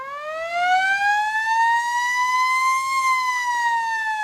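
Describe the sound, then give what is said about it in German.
A loud fire engine siren sounds as an alarm through a village, its rich tone climbing slowly in pitch over a few seconds before beginning to dip again, steady and unbroken throughout. “Wenn so ein Alarm bei uns durchs Dorf schallt, ist immer große, große Aufregung.”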